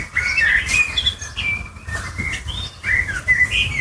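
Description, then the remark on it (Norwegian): A Eurasian blackbird, perched on a house roof and recorded on a mobile phone, sings a run of clear, fluting whistled phrases that rise and fall without pause, prominent over a low steady background rumble. “Hør! En svarttrost. Den sitter på et hustak og filmes til en nabo med mobilen.”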